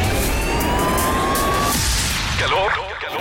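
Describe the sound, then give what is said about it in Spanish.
Loud, dense city traffic roars, then an emergency siren begins wailing up and down near the end, cutting through the road noise. “El sonido de la ciudad. Tráfico.”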